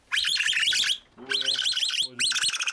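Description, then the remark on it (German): Baby capybaras squealing during a veterinary check, in three shrill, rapid bursts, high-pitched and piercing with wavering, chirp-like notes, the later bursts carrying a lower harmonic whine beneath. “Die Kleinen rächen sich mit Quietschalarm.”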